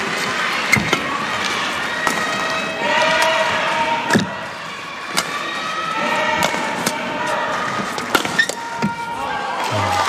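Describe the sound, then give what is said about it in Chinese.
A badminton rally: a string of sharp racket-on-shuttle cracks at irregular intervals, with high squeaks of shoes and a steady murmur of crowd behind, ending on a hard smash aimed at the receiver's body. “好球，这拍杀得好，杀了一个追身，就是我们通常说的直拍手的腋下啊，这一下就是接杀的人确实不太好处理这个点啊，这个落点杀得好。”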